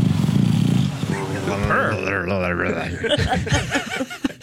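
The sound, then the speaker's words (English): A flat-faced dog snorts and rumbles as it breathes, a low purr-like rattle at first, then wheezy, pitch-wavering grunts and a few choppy snorts toward the end. “You know, its face is all smushed in, so these are the noises it makes as it breathes.”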